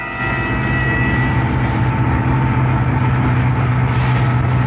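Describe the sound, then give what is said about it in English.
A car's steady engine drone hums on without a break as it drives out of the city on a Friday evening toward a cabin, a low rumble with a faint whine and road noise holding at an even loudness throughout. “Friday evening we drove out of the city heading for the cabin.”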